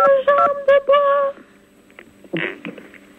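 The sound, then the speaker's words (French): Several quick beeps from a telephone keypad, someone playing with the phone keys, ring out clear in rapid succession, followed by a faint voice murmuring in the background. “Merci pour celui qui s'amuse avec sa touche de... téléphone.”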